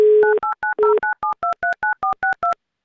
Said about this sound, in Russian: Набрали ее номер телефона 94-62, префикс 909.